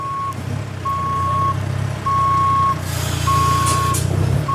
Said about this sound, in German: Also du siehst überall was los. Transporter fahren, große Sattelzüge, Gabelstapler, abgeladen wird ein Stromaggregat nach dem anderen.